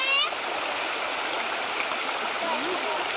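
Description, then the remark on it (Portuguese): A steady rush of river water babbling over stones runs the whole time, as people place stones to build a small pool, with a brief high vocal sound at the very start and a faint one near the end. “A gente precisa colocar as pedras de um jeito que não passe muita água.”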